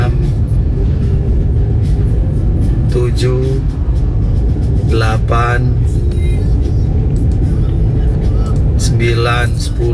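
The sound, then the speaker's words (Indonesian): Steady, loud morning street traffic on Jalan Veteran, lined with coffee carts, with a heavy low engine rumble from a bus, continuous throughout, while a person talks over the noise. “Yang di belakang bus ini sudah 5. Nah ini ada 6 di depannya bus.”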